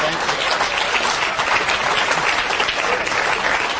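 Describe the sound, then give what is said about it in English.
Steady audience applause, a dense wash of many hands clapping at an even loudness for several seconds with no voices standing out. “Don't clap for him.”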